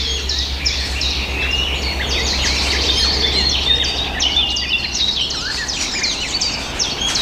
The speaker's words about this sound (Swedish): Det som smackar där, det är svarthättans lockläten. De är ute och söker föda och rör sig i trädet också.